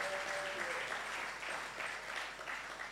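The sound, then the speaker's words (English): A crowd in an auditorium claps steadily for a few seconds for Christian Service University, a dense, even wash of many hands with no pauses and no voices on top. “Uncle Dave had applauded the tutors, the teachers.”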